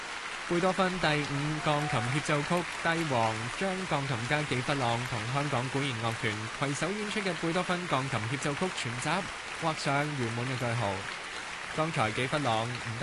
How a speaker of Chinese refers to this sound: 热烈嘅掌声，欢迎纪弗朗再次出场。